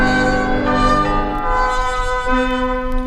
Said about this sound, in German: Wenn alles still ist noch in der Früh, dann hört man die Glocken läuten. Von der Kirche her, so wie am Land, wie damals zu Kindheitszeiten.